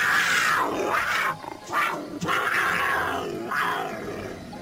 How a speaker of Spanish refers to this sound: Arriba, desde otro árbol frondoso y desde lejos, un gran puma majestuoso con un gran rugido se hizo notar.